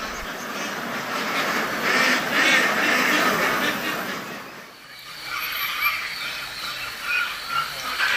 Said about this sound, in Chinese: 距离东兴百公里的青州，夜深了，鸭子们才慢悠悠的回家。蛋鸭生性敏感，外界稍有风吹草动便叫个不停。凌晨一点到三点是他们产蛋的高峰期。